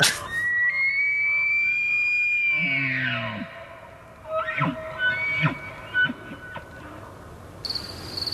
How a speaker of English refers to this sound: I think we've got a moose call that we can use here for reference. I would like to hear it and see if it stands the hair on the back of my neck up.